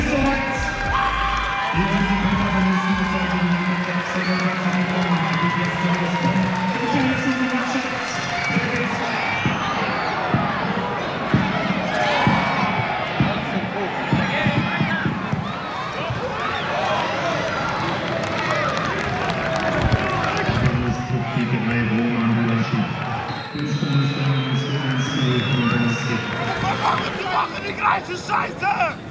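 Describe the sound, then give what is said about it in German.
A football stadium crowd at WSV's last Regionalliga (regional league) match for now, at the Stadion am Zoo on a Saturday: loud, continuous roar of many voices with rhythmic chanting and sustained sung notes, swelling into cheers and shouts, broken by brief lulls. “Und ich habe das vorerst letzte Regionalligaspiel des WSV mal eingefangen. Hier so eine kleine Hörprobe, wie die letzten 90 Minuten waren, zusammengefasst in knapp 45 Sekunden.”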